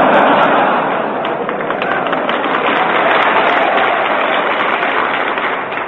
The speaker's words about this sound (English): Only the winners applaud, you notice that?